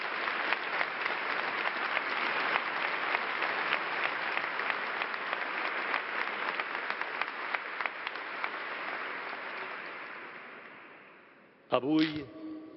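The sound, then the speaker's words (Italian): A crowd applauds the members of Mother Teresa of Calcutta's charity, who care for the neediest, in a dense, steady wash of clapping that holds for about eleven seconds, slowly thins and fades, and then a man's voice starts speaking. “E facciamo un applauso a loro.”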